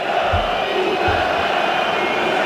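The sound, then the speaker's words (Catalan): A large stadium crowd at a football match involving Espanyol, about twelve and a half minutes into the first half, roars and shouts in a dense, steady wall of noise, with a few low thumps rising briefly under the din. No one speaks clearly over it. “Esteu sentint els crits?”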